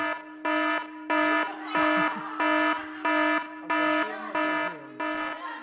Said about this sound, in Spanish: Va a sonar la alarma de evacuación, chaval. Van a tener que ir los bomberos hoy ahí.